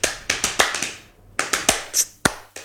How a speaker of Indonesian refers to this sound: Jadi kayak kalau tepuk pramuka tuh gini, 1, 2.